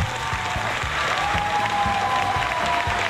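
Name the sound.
applause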